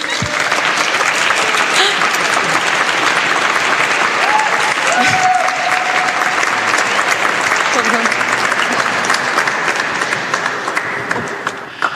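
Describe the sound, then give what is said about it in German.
An audience at a livestreamed second session applauds a special guest. The applause is steady and dense, a continuous wash of many hands clapping at even loudness for about twelve seconds, easing off slightly at the very end, with faint voices mixed in. “Ein Applaus bitte.”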